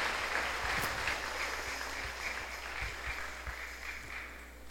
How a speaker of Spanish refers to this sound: El aplauso para Mucuriza, que viva Mucuriza.